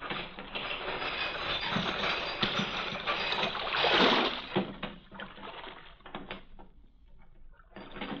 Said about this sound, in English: The chain that closes the mouth of the port at night is lowered.